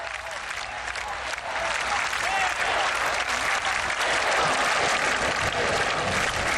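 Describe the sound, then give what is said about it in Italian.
A large crowd applauds steadily, a dense wash of clapping that swells after the first second and holds strong, with scattered cheers and shouts rising through it, acclaiming the Pope (the Holy Father). “Sentite la folla acclamare al Santo Padre in segno di gioia e ringraziamento per la sua presenza.”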